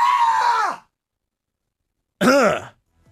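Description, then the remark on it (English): A man lets out two short, loud, high-pitched screams, a sustained shriek and then a wavering yelp after a brief silence, screaming in fright into a live stream camera after being startled by a shadowy figure waving at him through glass. “I'm a hardcore shock jock radio bad boy who just screamed like a little girl into the live stream camera.”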